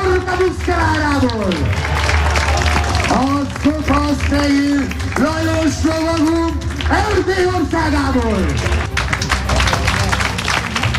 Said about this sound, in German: Ja, Applaus für die Pferde und die Ritter dieses mittelalterlichen Spektakels auf der Burg Schümmelk, nah am Plattensee.